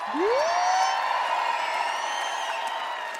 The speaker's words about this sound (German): Und kann ich ebenso grossen Applaus haben für